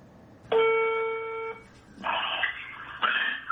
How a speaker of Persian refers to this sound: این نوار تلفنی رو، صحبت تلفنی رو، نکات مهمش رو بشنویم. یکی از شاگردای حاج سعید طوسی زنگ میزنه بهش.